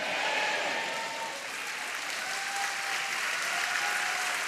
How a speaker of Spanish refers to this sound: Vamos, dele palmas, dele palmas, dele.